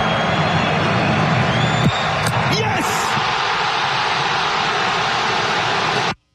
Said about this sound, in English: You listen to the crowd going nuts. Morocco with the winner. They move on.